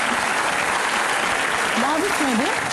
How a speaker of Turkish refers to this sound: Tamam. Kendi alkışımı kendim yapacağım. Kendi alkışımı kendim yapacağım.